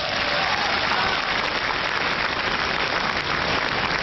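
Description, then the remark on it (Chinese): A dense, steady wash of applause from a large audience at a Chinese crosstalk comedy performance fills the whole stretch, many hands clapping at once with no pauses, loud, and no voices rising above it. “这么多的观众， 是 这么热烈的掌声，全都是给您鼓的。”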